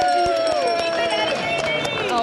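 A bell rings out with a loud, sustained tone and shimmering overtones that hold for a couple of seconds, over crowd murmur and scattered clattering; it is rung during a game played by students, meaning someone in the game just had a baby.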